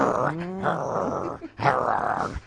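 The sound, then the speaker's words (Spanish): A person imitates a dog's growl, a rough, throaty snarl running in two sustained bursts with a short break between, fairly loud. “Pero la vida es así, que yo por eso digo, es que cuando agarramos un huesito, lo peleamos como un perro.”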